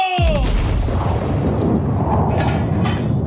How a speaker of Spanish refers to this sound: El cañonazo falló. No me sale nada bien últimamente. Pasó silbando junto al barco de Barnett. No le dio a nadie y se hundió en el mar.